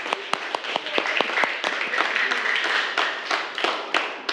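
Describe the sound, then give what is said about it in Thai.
A class of students applauds themselves after a lesson activity on designing algorithms, a dense patter of many hands clapping at once, with a few sharp individual claps standing out at the start. The applause stays fairly steady before tapering slightly. “โอเคเอาปรบมือให้ตัวเองหน่อยเร็ว”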